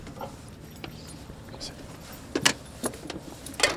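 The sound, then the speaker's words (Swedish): A police handler's 8-year-old German shepherd jumps out of a car in light drizzle: a few brief thuds and clinking tag jingles over a steady outdoor background hiss, with a sharper bump toward the end. “Åh, han flyger ur bilen.”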